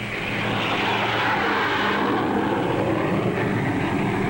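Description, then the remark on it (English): A loud, steady roar of a jet airliner passing overhead, a broad rushing engine noise with a low droning hum underneath, sustained throughout with no voices. “Huge airliners carry into the sky each day an ever larger tonnage of cargoes and passengers.”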